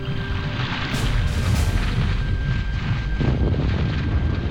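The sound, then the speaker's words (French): Violent volcanic eruption explosions from the Eldfell volcano at sunset: a loud, deafening, continuous deep roar with a couple of sharp, crackling blasts early on, rumbling steadily with no voices. “Les explosions continuent, de plus en plus violentes. Le bruit est assourdissant, impossible de se parler.”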